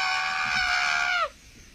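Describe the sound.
A person voices a chicken imitation: one loud, strained squawk held for just over a second before its pitch slides down and cuts off.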